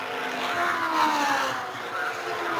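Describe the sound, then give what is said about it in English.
Race cars roar around a track under green flag at the start of lap 134, the first four cars on the same lap, in a continuous, loud blur of engine noise, with a whining engine tone that slides downward in pitch as a car passes. “The first four cars are running on the same lap at that point.”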